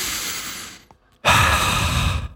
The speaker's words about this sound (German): Und jetzt einfach mal ganz tief durchatmen im Auto, ohne Klimaanlage, Lüftung ausmachen.